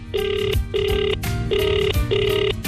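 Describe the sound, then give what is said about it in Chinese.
An outgoing phone call's ringback tone repeats in steady bursts, three evenly spaced tones with short gaps between them, clear with a faint low hum underneath; a call being placed to a mother and her child. “那这样，那我给那个妈妈和孩子打电话吧，孩子是男孩吧？”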